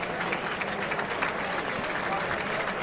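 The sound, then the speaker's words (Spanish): A sustained ovation from a bullring crowd: dense, steady applause of many hands clapping at an even level for the whole stretch, with a faint murmur of voices mixed in. “Ahora recibirá una ovación con saludos.”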